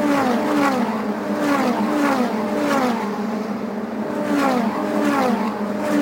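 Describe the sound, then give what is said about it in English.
Race car engines roar and climb in pitch as they accelerate up a hill out of turn 14 at the Road America circuit, several cars overlapping in loud, sustained waves of revving with rising whines repeating through the scene, and no voices. “we'll check in on that lead battle as they race through turn number 14”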